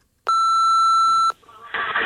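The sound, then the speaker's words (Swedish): A single loud, steady answering-machine beep holds for about a second, then cuts off into faint hiss and crackly, muffled line noise. “Och så här låter det i telefonsvaren.”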